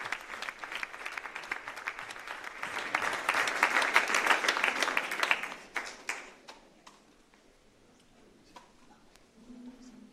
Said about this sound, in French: Le pape a donc béni l'assemblée, les détenus, des membres du centre pénitentiaire, du personnel du centre pénitentiaire qui donc applaudissent le pape après cette bénédiction.